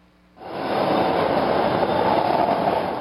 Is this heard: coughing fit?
no